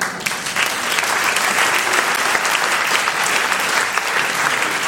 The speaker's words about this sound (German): Applaus